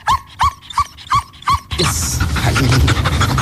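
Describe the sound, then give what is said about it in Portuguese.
A female GNR police dog named Cobra Kai pants in five quick, rhythmic breaths, then loud, wet, rustling licking noises crowd the microphone as she licks it during a radio report. “E agora está aqui a lamber o microfone, não é?”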